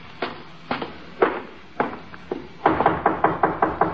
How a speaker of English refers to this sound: Him knock again.